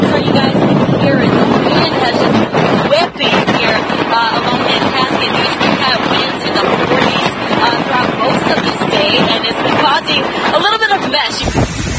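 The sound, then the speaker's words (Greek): Huge waves from a nor'easter storm crash continuously against the shore in Massachusetts, USA, just short of homes, while strong wind roars into the microphone, a dense, loud, unbroken wash of noise with a voice faintly talking underneath. “Τεράστια κύματα χτυπούν με μανία την ακτή στη Μασαχουσέτη, μια ανάσα από τα σπίτια.”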